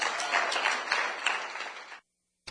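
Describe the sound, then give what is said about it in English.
A church audience claps loudly for the Lord Jesus in a dense, sustained burst of applause that abruptly cuts to silence, then briefly resumes at the very end. “We'll give the Lord Jesus a loud hand clap.”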